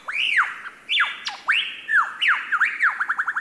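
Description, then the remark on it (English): A lyrebird mimics a laughing kookaburra: loud, rising-and-falling cackling calls that speed up into a rapid, rhythmic run of chuckling notes at the end, with no voices. “their uncanny vocal abilities, which can incorporate spot-on imitations of other bird species, like this laughing kookaburra.”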